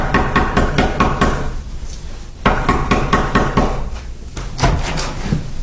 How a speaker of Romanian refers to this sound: Domnule, cum puteți să bateți așa într-o ușă? Sunteți nebun?